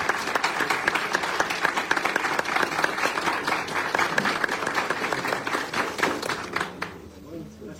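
Sustained audience applause, many hands clapping in a dense, steady patter that stays loud for several seconds before thinning out and fading near the end.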